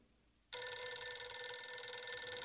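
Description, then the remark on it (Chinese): A telephone bell starts ringing abruptly after a brief quiet moment, a loud, continuous metallic trill with bright sustained tones that carries on steadily without any voices, an incoming call while breakfast is being prepared. “打来了电话。”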